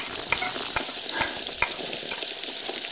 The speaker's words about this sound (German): Zwiebeln anbraten, alles klar. Und rein damit.